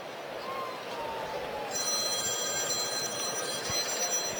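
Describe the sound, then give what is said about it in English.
A telephone bell starts ringing partway through during a Cardinals baseball game, a sustained, shimmering high-pitched ring over steady background crowd noise, moderately quiet. “Is that the bullpen phone?”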